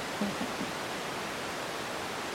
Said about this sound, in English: We're currently live over the sound bed of your bat detector.